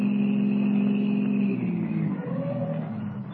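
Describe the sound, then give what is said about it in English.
A car engine hums steadily, its low drone holding, then dropping in pitch and loudness as the car carrying Duke Renard and his henchmen Curly and Spud turns off the Conway Turnpike, slows to a halt on a well-hidden wagon road and idles. “the car carrying Duke Renard and his two henchmen, Curly and Spud, turns off the Conway Turnpike and comes to a stop on a well-hidden wagon road.”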